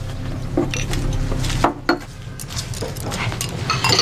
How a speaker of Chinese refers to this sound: 哥，你抱着孩子，我洗碗。 还是我来洗碗吧。 你哪会洗碗啊？我来吧，你抱一会儿。 没事，我来洗吧。